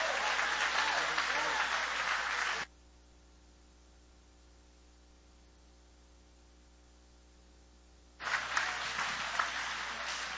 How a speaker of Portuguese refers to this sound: Vamos receber o Pastor Wilson com palmas bem bonitas para Jesus.